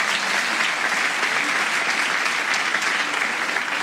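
Sustained applause from a large concert audience at a performance with a philharmonic orchestra, a dense, steady wash of clapping hands at even loudness with no break and no speech.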